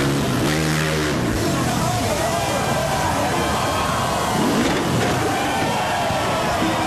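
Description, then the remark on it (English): X Games rider Colby Raja's motorcycle engine revs loudly, its pitch climbing early on, over a constant wash of roaring crowd noise and cheering, during his record-breaking vertical motorcycle jump of around 100 feet at the Caesars Palace fountains in Las Vegas. “A brand new record, X Games superstar and Palmdale native Colby Raja just broke his own record for tallest vertical motorcycle jump in Las Vegas.”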